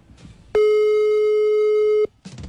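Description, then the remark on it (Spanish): A single steady electronic ringing tone of an outgoing WhatsApp call to someone in another country sounds loudly for about a second and a half, with faint background murmur before and after it. “Lo voy a llamar por WhatsApp, a ver si escucha, porque es de otro país.”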